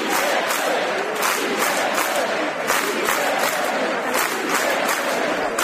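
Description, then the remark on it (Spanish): A large crowd in the Plaza de la Virgen chants the slogan «Sí se puede» in unison, loud and steady, with rhythmic pulses of voices repeating about twice a second throughout. “Tras el programa, la Plaza de la Virgen se volvió a llenar al grito de «Sí se puede».”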